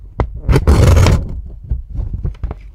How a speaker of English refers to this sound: It sounds like one of those like guillotines that you have in the office to cut paper with, but I know it's not that. What is it? It's not that. You were close, though. It's me ripping. Oh, you're ripping paper.